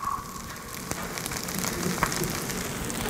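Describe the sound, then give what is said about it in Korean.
Steady, dense sizzling of meat and small-cut vegetables frying on a hot pan, a broad crackling hiss with scattered sharp pops, moderately loud and continuous with no talking. “이렇게 지글지글 거리는 소리.”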